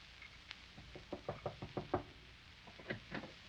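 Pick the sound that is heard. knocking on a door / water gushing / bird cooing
knocking on a door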